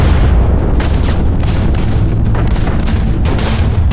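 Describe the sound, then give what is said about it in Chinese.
A loud, continuous barrage of deep artillery booms, the guns at Lugou Bridge (Marco Polo Bridge), China, in July 1937, rolls on without pause, heavy low rumbling blasts overlapping into a dense, thundering roar. No voices are heard. “1937年7月，卢沟桥的炮声响，消息传到英国”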